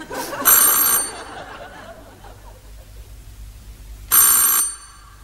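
A doorbell of a house rings twice, each a short, bright, buzzing burst about half a second long, separated by a few seconds of quiet low-level background noise.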